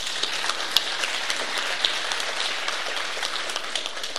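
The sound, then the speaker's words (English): A crowd applauds with steady, dense clapping that holds at an even level for a few seconds, with no voices over it, at the launch of the Job Seeker Travel Voucher in a non-metro area of the Western Cape. “Give a look and a clap.”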